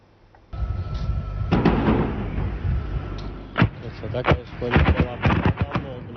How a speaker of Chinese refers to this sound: 目击者拍摄的视频显示，在俄罗斯西部坦波夫州，多架无人机攻向当地一处建筑物，不断传出剧烈爆炸声。坦波夫州州长佩尔维绍夫18日表示，俄罗斯电商巨头野莓公司位于当地的一座大型物流仓库，当天凌晨遭到乌方无人机袭击，造成7名值班人员死亡，25人受伤。